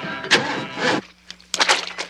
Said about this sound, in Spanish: Ace sube a su descapotable. Los demás suben a otro auto.